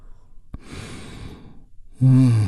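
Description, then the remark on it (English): A brief click, then a long, airy inhale drawn in through the mouth as one big deep breath. After a short pause, a loud voiced sigh pushes the breath back out, clear. “as we take one great big healing breath. All together, here we go. And release.”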